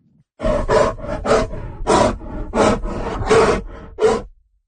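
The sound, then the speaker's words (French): Grizzly bears in Alberta roar in a series of loud, rough bursts, about seven or eight growling pulses with raspy low tones, heard on their own without any talking. “Combien y a-t-il de grizzlies en Alberta? Vous les entendez hurler derrière moi.”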